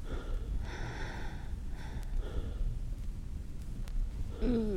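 Heavy, out-of-breath panting, with several rough breaths in and out in an uneven rhythm, moderately loud, with no talking.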